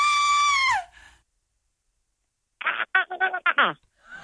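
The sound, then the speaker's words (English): A recording of a real human scream, played on the Chrissy Swan Show on Nova, holds a loud, piercing high pitch before sliding down and cutting off; after a pause, someone tries to imitate it with a few choppy, strained vocal bursts. “I'm going to play you a real scream and then you should try and scream for us.”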